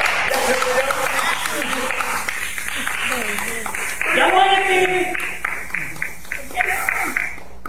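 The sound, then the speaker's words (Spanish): A steady wash of applause from a crowd, fairly loud and continuous for several seconds, with voices calling out and cheering over the clapping. “Ya se murió, aplauso.”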